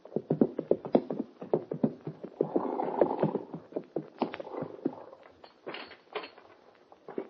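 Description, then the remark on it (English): Hooves clip-clop steadily on hard ground as more than one horse approaches at a walk, ridden up to the door of Mort Robertson's ranch house on Clear Creek; the uneven knocking rhythm is fairly loud, with no voices. “It's only a few minutes after the meeting on the plane that Hoppy and the kid ride up to the door of Mort Robertson's ranch house on Clear Creek.”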